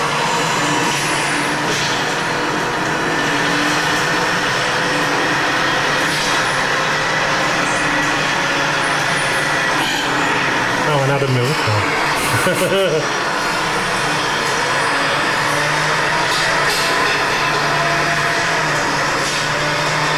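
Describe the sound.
An Enviro 400 bus, registration KO7DYB, drones steadily as it pulls away from traffic lights, with a high, vacuum-like whine like a Hoover running throughout, briefly shifting pitch midway as it accelerates; a voice speaks faintly over the engine noise.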